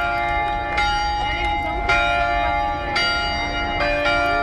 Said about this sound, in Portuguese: Diga aí, meu amigo Pisato Irani, esse sino de Aparecida do Norte. 18 horas, César, bate desta forma, olha aí, ó. Aparecida do Norte, são 12 sinos, um em cima do outro aqui, ó. Lindo, lindo.